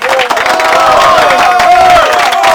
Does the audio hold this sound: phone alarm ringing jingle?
no